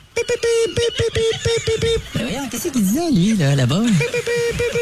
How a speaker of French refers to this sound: En 1908, c'est au 1er juillet que le signal SOS devient officiellement le signal international de détresse en code Morse. Mais comment ça s'est passé la première fois? On écoute!